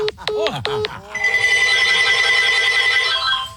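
A telephone's electronic ringtone plays: a few quick chirping, sliding notes, then a bright sustained buzzing tone that holds for a couple of seconds before cutting off.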